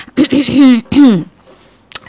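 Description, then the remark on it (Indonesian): Someone clears their throat in a quick run of voiced, grunting pulses, pauses for one more drawn-out rasp, then lets out a brief, sharp cough after a moment of quiet. “Okay, kode keras kerasa suk iklan obat batuk nih.”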